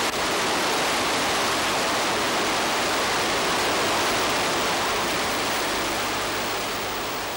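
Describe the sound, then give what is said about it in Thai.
Rushing rapids of Kaeng Luang on the Yom River in Sukhothai, in the flood season, roar steadily throughout, a dense, unbroken hiss of churning water spread across the whole range, loud and constant with no voices or other sounds. “ายน้ำอันเชี่ยวกรากเมื่อถึงฤดูน้ำหลากในบริเวณนี้คือส่วนหนึ่งของแม่น้ำยมที่ชาวสุโขทัยขนานนามว่าแก่งหลวง”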